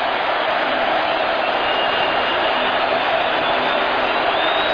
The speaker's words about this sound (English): Opening 2 minutes of play, fourth quarter. And the crowd comes to full throat here at U.S. Bank Stadium.